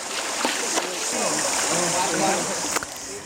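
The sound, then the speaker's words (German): Continuous splashing and sloshing of water as the elephants of Mateng Park bathe in a nearby river after their show, with a few sharper splashes standing out, steady, and faint voices murmuring in the background. “Die Dickhäuter freuen sich nach der Show auf ihr erfrischendes Bad im nahegelegenen Fluss.”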